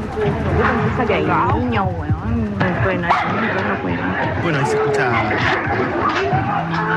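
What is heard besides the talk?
dogs barking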